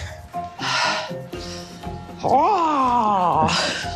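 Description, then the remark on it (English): A person mimics seagull calls with their voice: a few breathy, raspy squawks, then a loud wavering cry that rises and falls in pitch, ending on another harsh squawk. “Seagull noises.”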